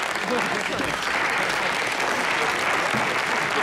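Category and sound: crowd, audience applause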